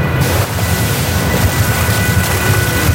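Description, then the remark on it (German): Water gushes onto the ground from a hose pulled out of a pipe, about 200 litres per minute, spraying in all directions in a loud, steady, rushing roar, with a heavy low rumble and hiss that never lets up. No voices are heard. “Wasser spritzt in alle Richtungen und verstehen kann man nichts mehr.”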